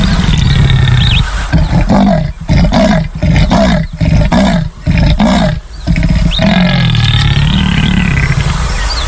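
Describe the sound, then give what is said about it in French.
A jaguar gives a loud roar made of a rapid series of about six rasping, sawing grunts, framed by deep, rumbling breaths and steady background noise, with no one speaking. “Jaguar vient du mot indien yaguara, qui signifie la bête sauvage qui tue sa proie d'un bond.”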